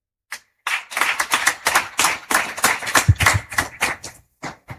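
A crowd breaks into applause for the local host, many hands clapping together in a dense, steady patter for several seconds, loud, before tapering off with a few final claps.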